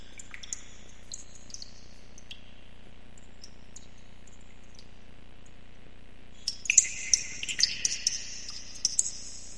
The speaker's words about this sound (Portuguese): ao sutil toque de... saiba que... um pingo da goteira está prestes a cair sobre você.